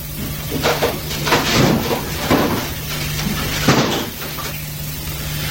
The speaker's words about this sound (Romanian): Ha, stai, deschide ușa de la terasă.